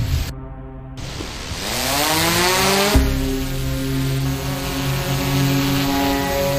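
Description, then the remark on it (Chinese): Loud police drone propellers spin up as the drone takes off at night beside the Yangtze River near Jingzhou, their whirring climbing in pitch before settling into a steady, buzzing whine that holds to the end. No voices. “报告，目前无人机高度200米，画面聚焦9.8倍。”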